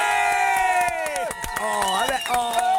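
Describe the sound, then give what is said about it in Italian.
A loud cheering crowd with sharp claps and shouts, while a sustained whistle-like tone holds steady then slides downward in pitch partway through. “C'è anche il fischio, è stato un fischio.”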